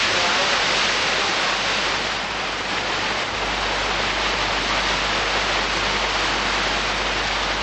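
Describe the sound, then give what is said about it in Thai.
Steady, dense rushing of water with a hissing, splashing texture as a small stream, the source of the Nam Kha headwater of the Yom River, tumbles down rock layers in a valley of Doi Phu Rang Ka, continuous with no voices. “ลึกลงไปในหุบเขาของยอดดอยภูรังกาคณะสำรวจได้พบกับธารน้ำเล็กๆอันเป็นที่มาของต้นน้ำคะก่อนจะขยายสายน้ำลงไปตามชั้นหินสู่เบื้องล่าง”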